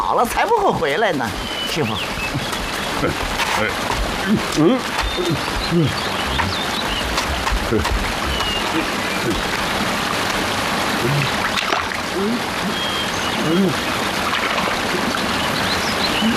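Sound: flowing river water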